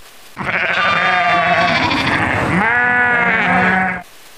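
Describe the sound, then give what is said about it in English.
A sheep, one of four on a farm, lets out one long, loud, quavering bleat, its pitch wavering and dipping partway through before trailing off, with no other sounds around it. “How many sheep do you have? I have 4 sheep.”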